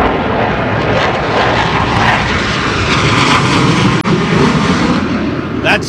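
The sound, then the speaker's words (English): A loud, dense roar of airplane engines at an airshow fills the whole stretch, a broad rumbling wash from low to high tones, as two of the show's planes pass overhead with a slight swelling near the end. “That's just two of the planes.”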